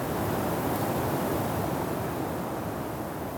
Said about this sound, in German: Es wurde ganz still. Man hörte nur den Wind.